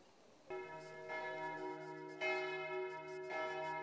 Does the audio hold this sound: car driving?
no